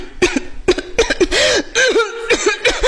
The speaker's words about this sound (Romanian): Tușesc cu adevărat!